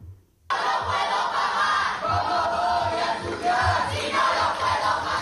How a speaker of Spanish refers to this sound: Y el acto oficial del inicio de curso de la Universidad de Sevilla, a Pablo de Olavide, ha sido suspendido cuando el consejero de Universidad, Jorge Paradela, fue interrumpido por abucheos de estudiantes desde el Paraninfo.